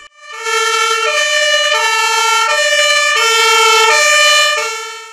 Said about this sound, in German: Nach Jahrzehnten wurde hier ein neues Hilfeleistungsfahrzeug an die Kameradinnen und Kameraden der Freiwilligen Feuerwehr Trebsen übergeben. Mit Tatü und Tata rollte das neue HLF auf den Hof.